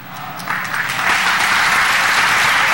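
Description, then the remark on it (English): A crowd bursts into applause, many hands clapping in a dense, steady wash that swells after the first half second and stays loud and sustained to the end. “You should have clapped loud.”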